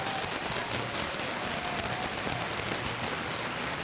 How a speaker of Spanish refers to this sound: Un aplauso, por favor.